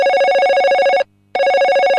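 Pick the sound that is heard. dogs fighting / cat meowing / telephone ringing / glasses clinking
telephone ringing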